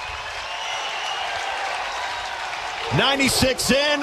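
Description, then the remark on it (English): A large capacity stadium crowd cheers in a steady, loud roar after Chet Buck hits a solo home run to right field, giving the Huskers the first run, and a man's voice begins talking over the noise near the end. “And that will pump some life into this capacity crowd.”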